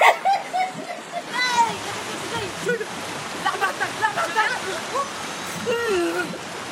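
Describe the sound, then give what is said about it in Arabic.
Water from a wave rushes steadily with a continuous churning wash and occasional splashy surges, loud throughout, while people talk over it. “لك شو حلو الموجة دي؟”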